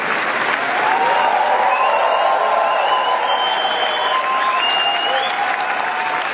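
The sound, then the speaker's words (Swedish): Sustained, loud standing-ovation applause from a large crowd for actress Léa Seydoux and the film Gentle Monster after its premiere at the Cannes film festival, a dense steady roar of clapping with faint whistles or cheers rising above it. “De här applåderna är inte från en talkshow, utan så här lät det när skådespelaren Lea Seydoux fick ta emot stående ovationer för filmen Gentle Monster efter premiären under den pågående filmfestivalen i Cannes.”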